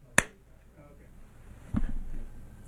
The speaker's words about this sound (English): And, you know, when ICE is out there deporting people, wearing masks, all I can do is 80s movie slow clap.